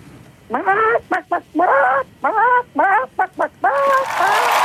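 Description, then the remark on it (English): A caller on a phone line imitates a chicken, giving a run of clucking bursts and short squawks in a fast, irregular rhythm, loud, ending in a drawn-out cackle. “Well, give me your best chicken impression whenever you're ready.”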